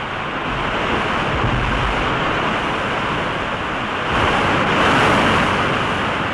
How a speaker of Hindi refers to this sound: ये देखिए, इस नदी पर ये पहला निर्झर है यानी जलप्रपात।